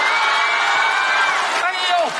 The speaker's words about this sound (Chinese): 哎，可是这幕一拉开 啊， 我发现这边的掌声比较热。 那你得跟这边说。 可是我听见那个叫好的声音 啊， 好像打中间传过来。